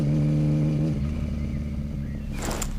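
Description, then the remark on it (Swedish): A motorcycle engine rumbles loudly, its steady low drone shifting as it revs and pulls away, with no voices, as a man rides off on a Friday morning in July 1966 under clouds partly shading the sun. “Bob Dylan hoppar upp på sin motorcykel och åker iväg”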